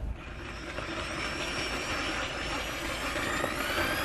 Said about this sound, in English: Ken wields a drill half his height. He's standing over it like he would a jackhammer. And he's drilling down through the ice.